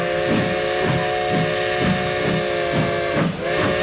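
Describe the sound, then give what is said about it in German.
Model railway wagons being shunted at the open day at the Märklin works in Göppingen: a steady, rhythmic chuffing about twice a second over a constant hiss, with a sustained whistle-like tone running throughout. No one speaks. “Ja, was war das eben für eine schöne Runde Wagenschubsen hier”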